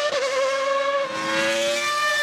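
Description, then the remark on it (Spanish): The engine of a 1990 Formula One race car, the one driven by Prost, screams at high revs, its sharp harmonic whine holding steady then shifting pitch slightly, loud for a couple of seconds with no talking. “Aquí estamos el motor de el famoso camión de 1990 que condujo a la Prost.”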